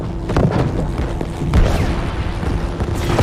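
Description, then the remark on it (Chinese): Loud bursts of gunfire and heavy thudding impacts crackle over the constant deep engine roar of a German plane as its number two engine is hit, with a sharp boom near the middle and no voices. “二号引擎中弹了，我们的掉高度。”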